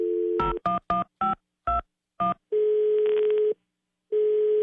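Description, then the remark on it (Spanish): A steady dial tone gives way to a quick run of about seven touch-tone beeps as a phone number is dialed, then a longer buzzing ringing tone that stops and returns after a pause as the call goes unanswered. No voices. “Mi amor, qué lástima que no nos contestó tu muchacha, caray.”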